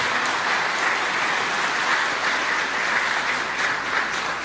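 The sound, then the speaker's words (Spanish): A crowd at a Mass at Santo Cerro claps steadily for the bishop in sustained, dense applause with no pauses, a bright, even wash of many hands at fairly loud volume and no voices. “Vamos a dar un fuerte aplauso al señor obispo.”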